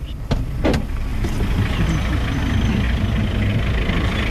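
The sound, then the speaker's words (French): A heavy mining company truck engine rumbles steadily on a dusty dirt track at a railway construction site in Guinea, a dense low drone with rattling and a couple of sharp knocks near the start, continuous throughout. “Les camions des sociétés minières arrosent chaque jour la piste, mais ça ne suffit pas.”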